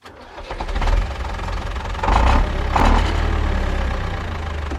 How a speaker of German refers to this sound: Das hier ist ein Traktor.